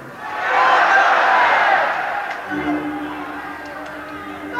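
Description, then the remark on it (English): An audience yells out on a count of three what they think a letter J stands for, in a loud, jumbled burst of many voices that swells quickly and then fades into lingering murmurs and a few scattered calls. “On the count of three, yell out what you think it's for, and that's what will go on the tape.”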